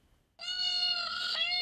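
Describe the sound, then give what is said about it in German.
A peacock call played through a phone speaker as a lure while searching for four peacocks in Bochum-Günnichfeld, Germany: one loud, sustained, nasal wail with a rich harmonic tone that begins abruptly after a short silence and holds steady without breaking. “Lockruf per Handy.”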